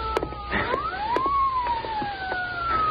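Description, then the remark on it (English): An approaching police car's siren wails with a slow rising and falling pitch, fairly steady in loudness, over a low rumble of traffic and scattered clicks. “Yeah, listen. Police car.”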